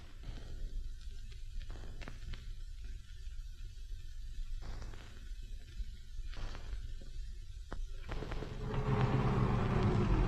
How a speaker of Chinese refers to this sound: 哎，卡车停一下。